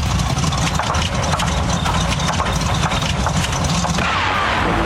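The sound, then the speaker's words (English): An engine sputters and chugs unevenly as it runs out of fuel, a loud, rough mechanical rumble with irregular bursts that shifts in character just before the end, with no voices. “Tomorrow morning on Eagle FM Breakfast with Brad and Jev, make sure you're keeping your ears peeled for a song that runs out of fuel.”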